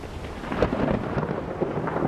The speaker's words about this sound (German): Schwere Gewitter ziehen auf.